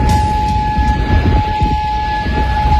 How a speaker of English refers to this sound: Air raid sirens sounding across Kuwait City. Kuwait saying it intercepted Iranian missiles early today,